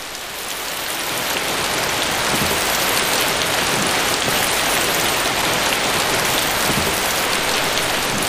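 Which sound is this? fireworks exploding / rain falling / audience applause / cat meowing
rain falling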